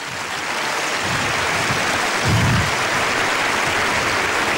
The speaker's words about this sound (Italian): Sono circa 9 anni che cerco questo applauso.